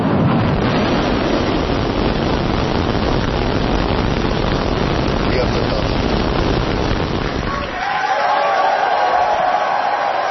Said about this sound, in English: Starship, the largest and most powerful rocket in history, launched from Texas. SpaceX employees cheered as the rocket blasted off from its new launch pad in Texas last night.